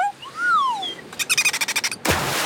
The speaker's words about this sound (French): Tiens, voilà Séraphin le dauphin.